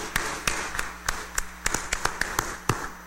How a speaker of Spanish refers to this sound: démosle un fuerte aplauso de felicitación.